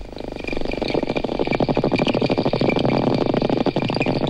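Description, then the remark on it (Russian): Dolphins produce rapid, buzzing click trains that run together into a steady creaking rattle, with faint high whistle tones threaded above, continuous and fairly loud throughout, with no talking. The creaks and clicks are the dolphins' echolocation sounds; the whistles serve for communication. “Послушайте самых умных жителей океана. Дельфины издают три типа звуков.”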